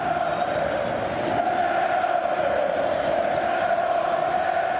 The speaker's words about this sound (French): Écoutez l'ambiance émise par les fans de l'Olympiakos qui aura donc 15 points d'avance au moment de démarrer le quatrième carton.